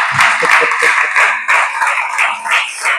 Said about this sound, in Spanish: ¿Amén? Dale ese aplauso al Señor, venga, hacer algo.